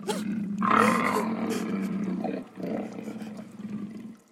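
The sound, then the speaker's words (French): A lion's deep, rumbling roar swells loud, holding a strong growling tone for several seconds before trailing off into lower grunting rumbles. “Échapper à un maître cruel pour tomber sur le repère d'un lion féroce!”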